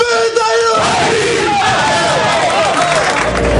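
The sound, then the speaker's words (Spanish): Athletic football team players in the locker room roar out a loud battle cry of "¡Vamos!" in unison after a prayer, forceful, the shouting swelling into sustained, overlapping yelling that fills the whole few seconds. “Mantiene la tradición del Athletic de rezar en el vestuario. ¿Era el grito? A ver el grito.”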